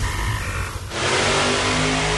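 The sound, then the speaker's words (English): A loud truck engine roars up from a lower rumble, surging into a sustained, full-throttle rev that fills the short recording with dense, noisy power. “Experience one incredible day of horsepower featuring a co-sanctioned showdown with SWAPTA and OTTPA.”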